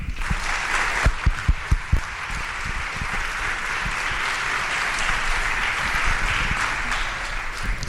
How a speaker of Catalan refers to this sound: Llavors, tot i que heu aplaudit, sí que us volia demanar que m'acompanyessin en aquest aplaudiment global, tant per la comissió sortint com per la comissió entrant, per donar-li les gràcies per tot aquest esforç que fan per tots.